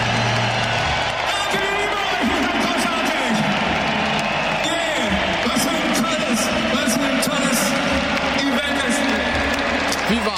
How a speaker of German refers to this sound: Und am Ende großer Jubel.